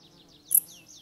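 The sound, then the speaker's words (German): A dark bush-cricket, a long-legged grasshopper, gives a single short, sharp high chirp in a mountain forest in autumn, clear over a soft background of faint repeating high calls and a low steady hum. “Die gemeine Strauchschrecke ist oft als letzte Heuschrecke im Jahr zu hören, wenn die Kälte die anderen längst dahingerafft hat.”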